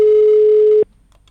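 A telephone line tone sounds while a call to Bavaria is being placed: one loud, steady beep held for nearly a second, then cut off abruptly into near silence.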